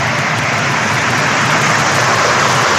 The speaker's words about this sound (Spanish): Ese era sonido solo de lluvia, ahí estaba el sonido.